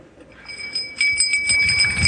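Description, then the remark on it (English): A small hand bell rings with a bright, lingering tone, shaken in quick repeated strikes that grow louder and busier partway through; no one speaks. “I got a bell. It's not as fancy as the Navy SEALs, but it's a bell.”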